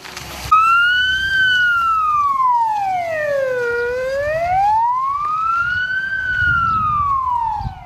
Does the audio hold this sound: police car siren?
yes